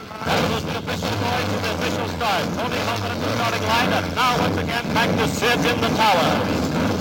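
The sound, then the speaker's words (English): Race car engines start up at the starting line on the command "Gentlemen, start your engines," revving together in a loud, continuous roar, with repeated rising whines from individual engines over a steady low rumble and a busy crowd-like background. “Gentlemen, start your engines.”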